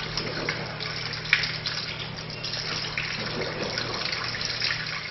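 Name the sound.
water running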